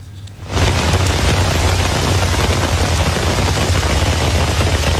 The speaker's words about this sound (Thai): นี่เป็นน้ำป่าที่ไหลหลากลงบริเวณทางหลวงชนบทนะคะจุดนี้เป็นจุดที่อยู่ก่อนถึงหมู่บ้านอีตองอำเภอทองผาภูมิจังหวัดกาญจนบุรีมีฝนตกหนักต่อเนื่องในพื้นที่หลายวันค่ะ